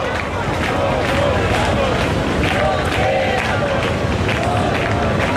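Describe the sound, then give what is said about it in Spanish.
A large protest crowd in the Puerta del Sol chants together in a dense, continuous roar, loud voices rising in repeated rhythmic shouts of "nos quedamos, no nos vamos" over a constant wash of crowd noise, heard live as a decree is repealed. “Y atención porque suena ya, suena esta Puerta del Sol, así se están tomando ahora mismo ese decaimiento, sonido directo.”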